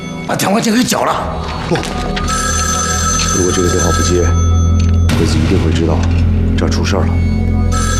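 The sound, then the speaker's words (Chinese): A telephone bell rings steadily and loudly for the whole stretch, its bright metallic trill running continuously while voices speak over it in short bursts. “不， 如果这个电话不接，鬼子一定会知道这儿出事了。”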